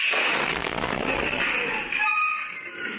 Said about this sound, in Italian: Un video della testata Middle East Eye riprende il momento dell'esplosione.